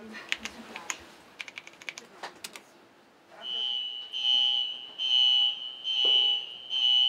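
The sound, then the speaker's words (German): A run of sharp mechanical clicks gives way to a loud, steady high-pitched warning tone that sounds in long pulses with brief gaps, as a theatre's iron safety curtain is lowered between the stage and the auditorium, together with blinking arrows. “Willst du uns einmal zeigen, wenn wir gleich den eisernen Vorhang runterfahren, gleichzeitig diese blinkenden Pfeile, die du vorbereitet hast?”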